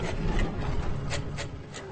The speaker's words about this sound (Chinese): 深夜11点，3人被墙外的声音惊醒了。有什么东西在挠墙，他们吓坏了。